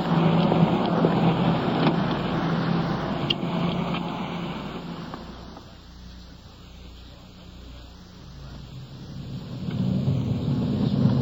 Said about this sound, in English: So, let's get back to our car and get underway.